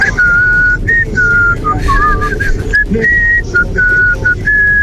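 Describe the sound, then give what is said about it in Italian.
Several people whistle a melody together in a lively, tuneful line of sustained and shifting notes, carried over a busy, crowded background hum with no clear talking. “Fischiettare va benissimo, va benissimo.”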